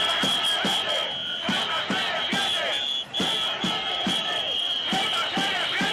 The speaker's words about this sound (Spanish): Ese Ceuta no se vende, Ceuta se defiende, se ha convertido en un auténtico grito de guerra, guerra pacífica, de reivindicación, de saber que estamos vivos y de sentir que el resto del país también está apoyando esta causa.